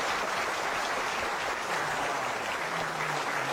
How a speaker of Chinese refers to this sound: 话说到这儿了，你要是再不唱，你是不是嫌大伙掌声不热烈 啊？ 可以，热烈鼓掌。